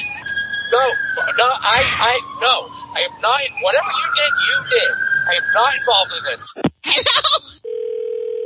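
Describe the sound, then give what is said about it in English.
An approaching police car siren wails in a long, slowly rising and falling tone, fairly loud, amid busy chirping sounds, before cutting off into a steady electronic hum. “Oh, no, the police are on the way.”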